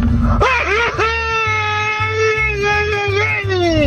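A Mexican grito: one loud, close, drawn-out shout that wavers up and down for several seconds, with a steady low rhythmic thumping underneath.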